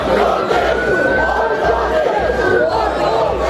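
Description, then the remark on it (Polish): A dense, loud rioting crowd in Southampton in the evening roars and shouts continuously, many voices overlapping in an agitated din with a sustained high yell rising above the babble throughout. “A do takich zamieszek doszło wieczorem w Southampton.”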